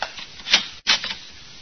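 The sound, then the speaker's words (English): A door in the hall swings shut with a soft thump, followed a moment later by a sharp click of the latch locking. No one speaks. “Uh-oh. The door done closed. It's locked.”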